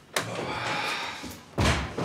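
Two heavy, dull knocks on a front door, spaced well apart with a short lingering rumble after each, fairly loud; someone with flowers is at the door. No one speaks.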